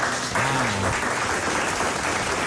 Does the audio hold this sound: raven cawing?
no